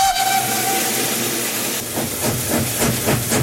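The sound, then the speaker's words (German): An oil-fired steam locomotive from the Rhaetian Railway's historic fleet lets out a steady whistle over loud hissing steam. The whistle then gives way to rhythmic chuffing bursts as the engine pulls a festival train from Landquart to Schiers. “Mit Öl unterwegs hat der Festzug am Wochenende unter Dampf von Landquart auf Schiers gezogen.”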